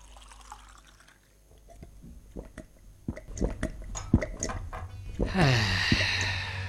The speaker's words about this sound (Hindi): हाँ भाई, तो आप सभी पानी पी चुके और अपने शरीर में निश्चित ही एक परिवर्तन का अनुभव कर रहे होंगे।